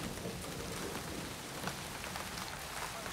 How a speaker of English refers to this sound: You're late. And you've brought the rain with you.